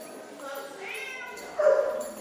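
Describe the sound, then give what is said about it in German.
Several dogs yelp and bark in an animal shelter in Nuremberg, their high, whining cries overlapping continuously, with one louder bark-like burst near the end. “49 Hunde leben derzeit im Tierheim Nürnberg.”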